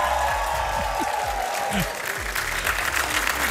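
A large crowd cheers and applauds continuously at a show of acrobatic vaulting on galloping horses, a dense wash of clapping and roaring voices that stays loud and steady throughout, with low thumps and rumble underneath.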